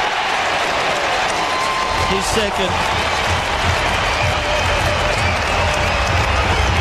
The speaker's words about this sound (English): Outstanding play. Evans, 30 out round the body, the crowd will roar.